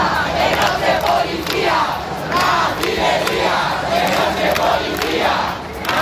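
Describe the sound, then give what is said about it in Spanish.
A large crowd of protesters shouts and yells at the National Police at the Puerta del Sol, Madrid, after two people were detained, in loud, overlapping waves of angry voices, with no single speaker standing out, sustained for the whole stretch. “Los gritos contra la Policía Nacional, que ha detenido a dos personas, eso ha alterado a la gente que protesta en este punto de la Puerta del Sol, y han llegado más refuerzos de la OIP.”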